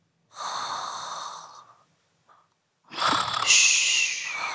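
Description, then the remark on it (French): A single loud snoring cycle from a person who has fallen asleep: a rasping, breathy inhale, a brief pause, then a louder wheezy exhale with a high whistling tone. No one speaks. “Tu entends ? … ronfle.”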